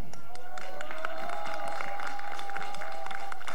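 An audience applauds a man and the host with dense, steady clapping for a few seconds, while a sustained whistle-like tone holds underneath through most of the clapping.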